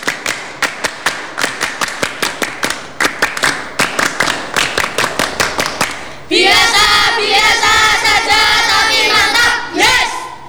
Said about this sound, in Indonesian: Dua kali tepuk pramuka.